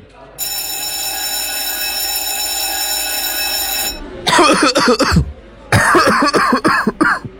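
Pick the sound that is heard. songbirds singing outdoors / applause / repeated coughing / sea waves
repeated coughing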